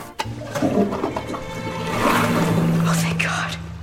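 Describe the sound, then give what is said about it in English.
A toilet flushes with a rushing, gurgling swell of water that builds toward the middle and keeps churning as if overflowing, fairly loud, with humming voice-like tones underneath. “My fear of clogging the toilet and flooding the whole entire school.”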